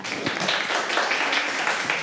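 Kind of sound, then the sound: crowd, classroom of students applauding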